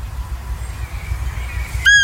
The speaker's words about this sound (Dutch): Maar het is geen vogel, geen hond, geen vogel. Het zijn reeën. Het mannetje blaft, het vrouwtje maakt dat geluid van een piepertje, alsof ze een piepertje heeft ingeslikt. En dat heet dan fiepen.